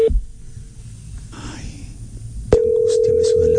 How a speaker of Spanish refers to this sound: Pero esto no es timbre de celular, ¿no? No, sí. Parece fijo. Es que No, tiene distintos tonos.